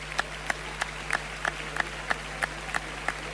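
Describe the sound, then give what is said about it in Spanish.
A crowd at a bullfight in a bullring clapping in a steady, even rhythm, about three claps per second, over a low background hum, with no voices; they applaud because the bull holds its ground as it dies. “El aplauso no lo entiendo.”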